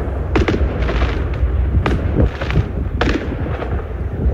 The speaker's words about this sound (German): Das war ein Riesenfeuerwerk tatsächlich, direkt vor dem Hotel der Bayern-Spieler, die ja heute in der Champions League in Stavanger spielen.